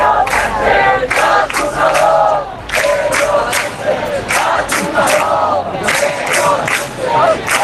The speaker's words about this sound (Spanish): Fuera, todo han sido abucheos.